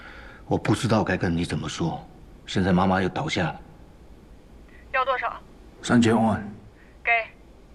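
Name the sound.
telephone ringing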